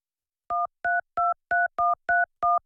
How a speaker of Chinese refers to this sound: 到处找老韩，找不到就打电话。 您拨打的电话已关机。